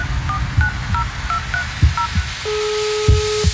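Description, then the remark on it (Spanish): A quick series of short, bright touch-tone beeps as a number is dialed, followed by a longer steady tone, all over a low rumbling background with occasional thumps. “Hello, contéstame el teléfono.”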